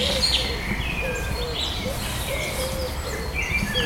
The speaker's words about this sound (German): Das ist auch schon mal so ein sehr prägnanter Unterschied. Die Taube macht so.